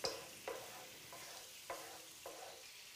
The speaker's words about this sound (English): we do that by adding it to the hot pan and letting it boil away to reduce some of the mixture in it